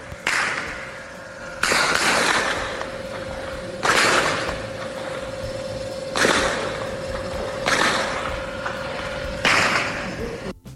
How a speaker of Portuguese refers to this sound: Vídeos enviados à nossa reportagem mostram, inclusive, o momento do confronto e o barulho ali intenso que os moradores registraram logo cedo. Vamos ouvir agora o relato dos tiros, muitos tiros mesmo.